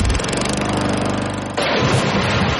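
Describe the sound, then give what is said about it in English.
A Gravely lawn mower engine runs loud with a steady, buzzing drone while mowing a lawn, its tone shifting partway through as if throttling up or moving, with no voices. “cutting their own lawn like the pros, whether mowing or on a trailer between jobs.”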